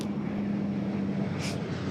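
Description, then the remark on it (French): A Dash firefighting propeller aircraft of the French Sécurité civile flies overhead above a wildfire zone, a loud continuous engine hum with a low tonal whine, briefly joined by a short hissing burst near the end. “on vient de voir justement un dash passer juste au-dessus de nous”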